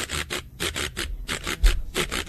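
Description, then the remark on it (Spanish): A güiro scraped in a steady, quick rhythm, about ten bright, raspy strokes in a row, each a short rattling swish, played alone without any voices. “Es muy difícil tocar el güiro.”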